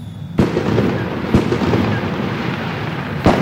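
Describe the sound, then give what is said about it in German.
Loud fireworks bang three times at irregular intervals, sharp cracks over a continuous rumbling crackle of more bursts in the background, with no voices. “Die Feuerwerksinitiative will nämlich den Verkauf und das Ablauf von lautem Feuerwerk für Privatpersonen verbieten.”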